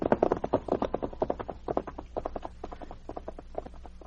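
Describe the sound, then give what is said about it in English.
Several horses' hooves clip-clop steadily in a quick, uneven rhythm, the sharp knocks overlapping as the animals move along together, arriving at the Mellow Place, with no voices. “Arriving at the Mellow Place, David and the two crooks put their horses in a lean-to at the back, then entered the cabin.”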